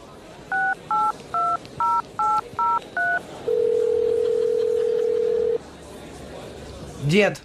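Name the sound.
telephone number being dialed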